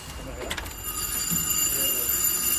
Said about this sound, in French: C'est coincé. Attends, il y a la sonnerie qui s'est coincée.